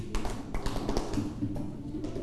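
A class group claps in unison five times to signal that it has finished its task, each clap a sharp, slightly smeared burst at an uneven pace, over a low background hum with no talking.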